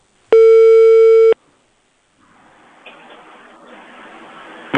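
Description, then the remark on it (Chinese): A single loud, steady one-second telephone ringing tone on an outgoing call to a residential property management office, placed by a Harbin Radio and Television station host, followed by a pause and then a soft, hissy open-line background. “现在帮你打物业电话啊。”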